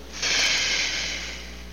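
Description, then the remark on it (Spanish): A long, steady breath pushed out slowly through the mouth after holding the air in for 4 or 5 seconds, as part of a diaphragmatic breathing exercise: a soft airy hiss that starts abruptly, holds for over a second and fades gently. Fairly quiet, with no talking. “Retener el aire 4 o 5 segundos adentro. Respiración diafragmática o en los pulmones, y luego lo expulsamos despacio, lento.”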